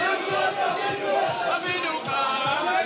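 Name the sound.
crowd cheering in welcome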